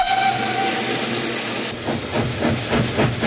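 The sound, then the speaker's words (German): A historic oil-fired Rhaetian Railway steam locomotive's whistle sounds a steady tone at first, then gives way to loud, rhythmic bursts of hissing steam and chuffing as it pulls a festival train under steam from Landquart to Schiers, with no voices. “hat den Festzug am Wochenende unter Dampf von Landquart auf Schiers gezogen.”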